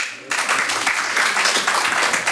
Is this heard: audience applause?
yes